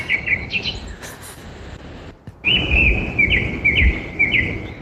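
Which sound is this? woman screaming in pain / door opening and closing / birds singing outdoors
birds singing outdoors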